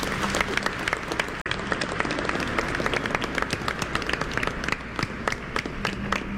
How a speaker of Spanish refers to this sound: Está aquí con nosotros, que el Señor le bendiga, le damos un aplauso.